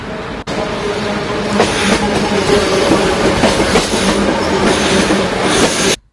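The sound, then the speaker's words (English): A train rolls steadily along the rails, loud, with a continuous rumbling roar and periodic clattering bursts of wheels over track joints, cutting off abruptly near the end. No one speaks. “Let's have a listen to the sound of a steam train.”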